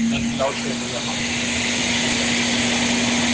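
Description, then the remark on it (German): A Kärcher floor scrubber machine drives around cleaning, with a steady motor whir and a constant low hum, continuous throughout, with a brief faint voice near the start. “Kärcher, Bodenschubber, sauber Dings.”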